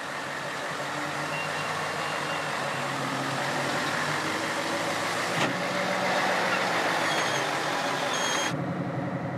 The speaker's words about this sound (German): Da sieht man ihn richtig. Der ganze Lastzug ist 75 Meter lang. 4-mal so lang wie normal.